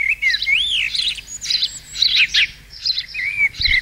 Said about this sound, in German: Alle fragen sich gerade, warum hier dieses Vogelgezwitschere läuft.